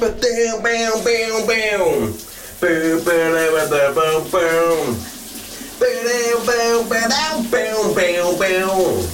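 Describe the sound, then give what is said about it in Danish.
A man sings a big summer hit loudly in sustained, wavering phrases with short breaks, while a shower's running water hisses steadily underneath throughout. “Du får dagens brusebadshit.”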